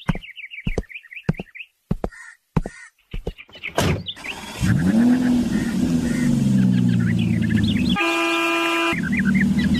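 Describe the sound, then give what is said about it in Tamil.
A few sharp clicks and bird chirps, then a car engine starts with a burst and settles into a steady rumble as people get in to set off; near the end a loud car horn honks once over the running engine. “கார்ல உட்காருப்பா, போலாமா? ஆ, போகலாம் ராமன்.”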